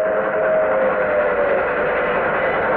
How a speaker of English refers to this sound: Train coming. It's an old steam train. I thought everything up here was diesel.